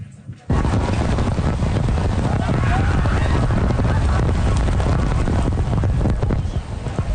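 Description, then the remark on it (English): Sheets of heavy rain pour down on Ottawa, Canada's capital, in a dense, steady roar that starts abruptly after a brief quiet moment and holds loud and unbroken for several seconds, with gusty wind-like rumble underneath. “Sheets of rain coming down on the nation's capital, sending people headed for cover”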